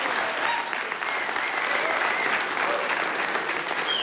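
A crowd applauds steadily and loudly for several seconds, a dense, full wash of clapping hands with no pauses.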